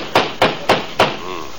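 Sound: knocking on a door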